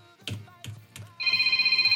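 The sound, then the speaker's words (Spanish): Three dull thumps, then a telephone rings for an incoming listener call to a radio request show: a loud, steady electronic trill with a fast warbling pulse that continues to the end. “A ver, contéstate la.”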